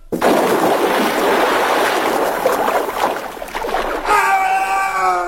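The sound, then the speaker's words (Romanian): A loud, rushing splash of water and surf as a stunt performer jumps headfirst from a rock into the sea waves during filming, where the water is only one metre deep; the churning wash lasts several seconds before a voice cries out near the end. “te urci pe stânca aia și când dau semnalul sări în cap, în valuri, auzi, e clar?”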